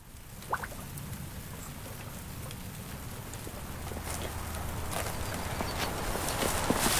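Steady rain patters outdoors at Rock Bottom Ranch, a livestock and vegetable farm, with scattered drips and a few hoof-like clops; a low hum runs underneath and the rainfall grows slightly louder toward the end. No one speaks.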